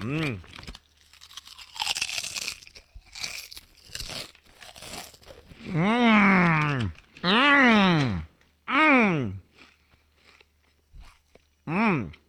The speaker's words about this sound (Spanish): Escuche qué rico se oye taquis y qué rico sabe taquis. Se me está haciendo agua la boca, déjeme abrir bien la bolsa.